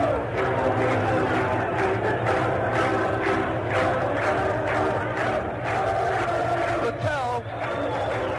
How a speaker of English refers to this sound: Chorus of na-na goodbyes sneaking through the crowd, getting louder and louder as the fans start to catch on.